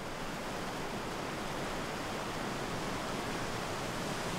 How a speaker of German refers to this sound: Seit 12.000 Jahren frisst sich dieses Wasser da durch diese Schlucht. Also es ist echt extrem viel Wasser drinnen. Ja, Wahnsinn. Da ist schon mal gut erkennbar, was das für eine Wucht ist. Was für eine Kraft.